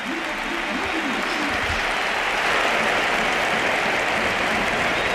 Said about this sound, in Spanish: Y la gente de pie, el Pijuán de pie, aplaudiendo a Modric. Gesto precioso, coreando.